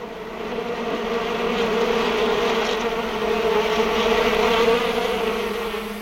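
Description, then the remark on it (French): A dense, steady drone of many bees buzzing by a pond, swelling slightly and holding continuously for several seconds with no voices. “Venez à la mare aux abeilles, je vous raconterai tout.”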